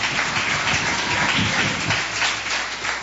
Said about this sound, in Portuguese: Palmas para Jesus, bate palma, diga glória.